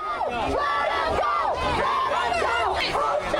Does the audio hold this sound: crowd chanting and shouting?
yes